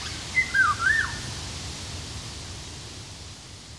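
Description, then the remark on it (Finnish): A short, fluting song of a Eurasian golden oriole (Oriolus oriolus): a few liquid whistled notes rise and fall in the first second, then fade, leaving only steady hiss and faint low rumble. “Myös tieteellisen nimen Oriolus oriolus epäillään kuvaavan linnun ääntelyä.”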